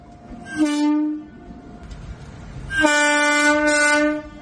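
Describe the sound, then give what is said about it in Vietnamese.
Two loud, sustained blasts of a train horn, a short one then a longer one, over the low rumble of a passing train, with no voices. “Tiếng còi tàu năm ấy đã đánh dấu một chặng đường xa nhà của Đồng Thị Hải Yến”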